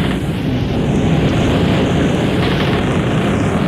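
Strong wind roars steadily against the sails of a large schooner, a loud, continuous rushing with a slowly shifting, swirling tone and no voices.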